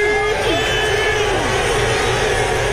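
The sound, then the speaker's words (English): A large crowd cheers and shouts steadily outdoors at a New York Knicks NBA championship parade from Battery Park to City Hall in New York, a dense wall of voices with whoops and high calls rising above the roar, continuous and loud throughout. “Crowds have turned out for a massive parade for their NBA team that ended a 53-year championship drought when it beat the Spurs in Game 5, 94-90.”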